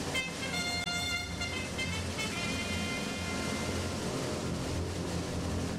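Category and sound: sound effect, trumpet call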